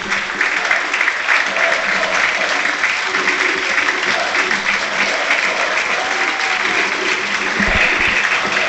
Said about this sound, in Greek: Αλλαγή για τον Παναθηναϊκό. Έξω Τετέι. Μέσα ο Πάντοβιτς. Τετέι χειροκροτείται.